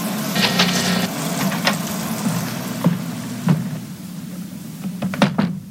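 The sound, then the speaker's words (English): A door lock being undone using a smartphone: a series of sharp mechanical clicks and clunks spread irregularly over a few seconds, over a steady low hum, with no talking. “And now to unlock the door.”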